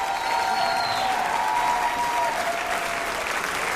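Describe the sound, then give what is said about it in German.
A large crowd at a band's concert in Stuttgart applauds steadily for several seconds, the clapping dense and continuous, with a few faint whistles or cheers rising out of the wash of sound. “Bitte großen Applaus auch für Matze.”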